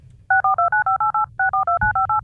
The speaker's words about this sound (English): And look, you want to make sure that you are sticking around because you never know, you might hear them touch tones.